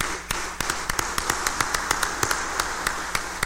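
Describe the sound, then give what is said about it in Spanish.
Scattered hand claps of congratulatory applause, sharp and uneven, popping out over a steady background hiss with no voices. It sounds like thin applause from only a few people, never swelling into a full ovation. “fuerte aplauso de felicitación.”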